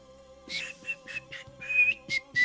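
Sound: person whistling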